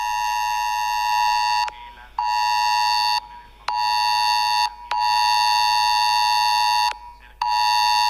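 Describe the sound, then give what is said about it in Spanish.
A loud, piercing Civil Protection emergency alert tone sounds on mobile phones in Molina de Aragón, Castilla-La Mancha, Spain. It warns about a solar eclipse and blares in long sustained bursts separated by brief gaps, a harsh harmonic buzz-beep repeating about six times with no talking. “Después de la cita con los servicios informativos de Radio Castilla-La Mancha de las 10:30, este es el sonido que acaba de sonar en todos los teléfonos móviles, creemos que de Molina de Aragón.”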